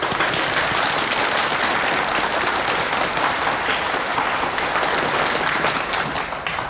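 A room full of people at a training course applauds steadily to welcome a keynote speaker, the chairman and founder of the Huanle Dongbeifeng theater, a dense, continuous patter of many hands clapping that holds its level for several seconds before easing slightly at the end.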